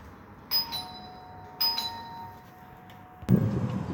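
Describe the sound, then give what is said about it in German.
A doorbell rings twice, each bright chime tone ringing out and fading before the next, clear, followed by a short burst of other noise at the end. “Hier kommt der Sound einer Türklingel.”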